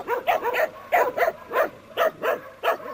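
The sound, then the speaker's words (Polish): A quick, uneven string of about ten barks, clear, with some sharp yips among them, as if more than one dog is barking at once, in a protection zone where many dogs now live. “W strefie ochronnej jest teraz bardzo dużo psów.”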